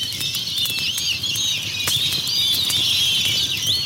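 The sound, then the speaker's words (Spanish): A flock of birds flutters around people, wings beating in a dense, continuous rustle with brief sharper flaps, mixed with faint high chirps throughout. “¿Será por eso que los pájaros nos revolotean?”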